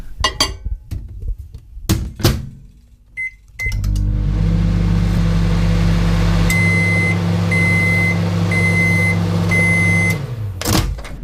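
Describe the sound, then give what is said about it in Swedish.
A microwave oven clicks and thunks as its door and buttons are worked, gives a short beep, then hums steadily while a run of four high beeps sounds, ending with a click. “Men då har vi ju också mycket, alltså mikron används ju flitigt än idag.”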